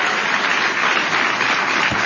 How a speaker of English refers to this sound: And I think the kids on the stage who are behaving very well deserve an amazing round of applause.